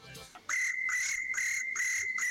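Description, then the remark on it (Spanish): A person imitates a cricket with a steady, shrill whistled chirp, pulsing in short rapid bursts about five times over two seconds, loud, with no talking. “Hablando de imitar sonidos de animales, a mí me sale el grillo.”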